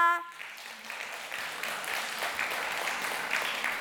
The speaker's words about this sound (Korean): 이제 오늘 공연의 마지막 무대입니다. 아주 흥겨운 무대가 기다리고 있으니 마지막까지 뜨거운 박수와 응원을 부탁드립니다.